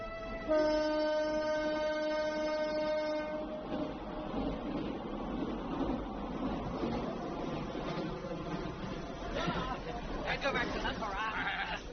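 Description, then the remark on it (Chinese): A moving passenger train returning from Beijing on a hot summer day in 2003: a sustained, multi-tone horn blast opens, then gives way to a steady rumble and clatter of wheels rolling along the track. “刚刚在北京获得中华技能大赛焊接冠军的东北客车厂焊工孙大庆，登上了回程的火车”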